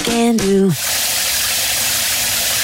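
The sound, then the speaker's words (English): A brief two-note tonal chime gives way to the steady hiss of shower water running, loud and unbroken to the end. “Did you know taking just 2 minutes less in the shower could save more than 6,000 litres of water per person every year?”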